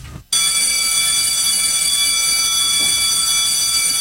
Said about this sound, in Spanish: ¡Ya dieron el timbre! ¡Y aquí comienza!